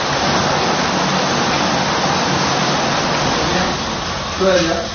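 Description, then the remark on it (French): About ten powerful water jets of a spa massage shower at a health cure spray onto a person's back in a steady, dense hiss that fills the whole recording, loud, with a voice briefly starting up just at the end. “Rien que cette douche pénétrante avec cette petite dizaine de jets là qui vous masse le dos pendant 5-10 minutes, je peux vous dire franchement, mais quelle détente!”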